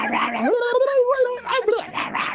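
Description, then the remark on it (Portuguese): A human voice imitates a frenzied dog: a rising, whiny howl breaks into snarling yelps and rough bark-like bursts, loud and continuous for a couple of seconds. “Vai, mais um cachorro louco.”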